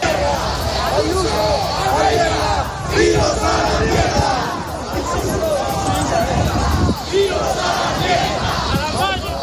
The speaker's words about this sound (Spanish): gritos contra el gobierno regional de la Comunidad de Madrid. La manifestación sigue avanzando, nos quedan ya pocos minutos para llegar hasta esa calle Sai de Baranda